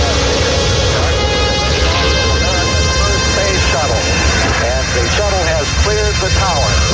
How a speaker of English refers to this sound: 8, 7, 6, 5, 4, we've launched the main engine.